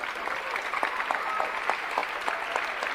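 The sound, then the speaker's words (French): A crowd applauds the team of the Festival d'Avignon steadily, a dense wash of many hands clapping at an even level, with a few sharper individual claps standing out throughout. “C'est le moment où vous applaudissez l'équipe extraordinaire du Festival d'Avignon.”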